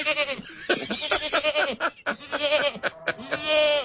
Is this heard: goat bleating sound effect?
yes